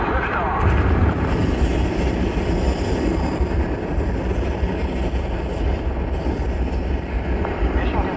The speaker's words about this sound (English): this historic liftoff of the first mission to Mars. Mission Control, this is the firing room. Give us the go, no go for launch. Eagle, go. Surgeon, go flight. Network, go flight. You are go for launch. We have main engine start. 5, 4, 3, 2, 1.